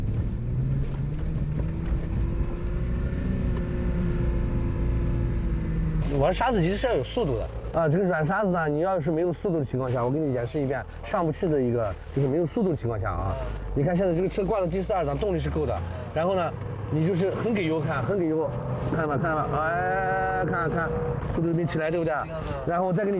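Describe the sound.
An off-road car engine drones steadily, then rises as it's revved hard on soft sand to show that it cannot climb without speed, a loud continuous rumble running under a man talking throughout.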